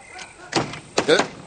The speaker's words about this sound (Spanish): ¡La puerta se ha cerrado! Intentaré más fuerte.